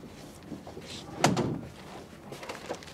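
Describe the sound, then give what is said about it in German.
A door slams shut once, a single loud bang with a short ringing decay, standing out against faint background noise. “Da habe ich ihn einfach stehen lassen und habe die Tür zugeworfen und bin weg.”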